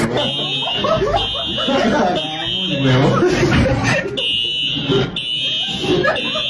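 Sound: fire alarm ringing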